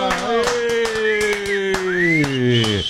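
Sharp hand claps, about nine in a loose steady rhythm, ring out over a held, slowly falling vocal tone that continues underneath the whole time.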